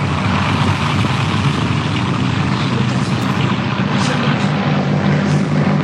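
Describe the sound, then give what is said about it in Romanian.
A small propeller airplane's engine drones loudly and steadily throughout, a thick, buzzing roar with slight swells in pitch as the aircraft climbs and turns in the air. “Acum trăsnește avionul de pământ.”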